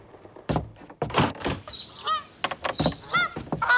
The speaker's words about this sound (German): Unter dem Schuppendach hockt der gelehrte Graugänserich Herr Günther. Mit wem er wohl redet?